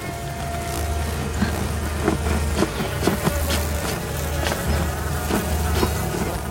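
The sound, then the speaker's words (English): A dense swarm of deadly stinging insects buzzes loudly and steadily close by around a nest hanging from a thick tree branch, as someone saws at the branch with a knife; a thick droning hum that never lets up, broken now and then by faint sharp clicks. “The deadly insects buzz around close to Katniss”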